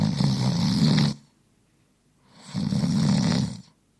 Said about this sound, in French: Voilà, ronflement après un repas bien arrosé.